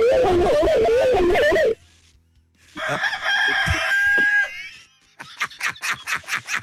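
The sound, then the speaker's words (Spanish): A rooster crows loudly, then lets out a second drawn-out crow, followed by a quick run of rhythmic, pulsing clucks at the end. “Y Bueno, mal, no que se ha ido el gallo. ¡Ay, sí, ese gallo!”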